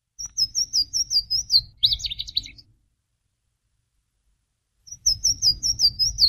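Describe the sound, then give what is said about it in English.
A Louisiana waterthrush, a warbler returning in spring migration, sings two bright songs separated by a pause: a run of clear, slurred whistled notes ending in a quick jumbled twitter, loud over a low rushing background. “And one of the first warblers that comes back is the Louisiana water thrush.”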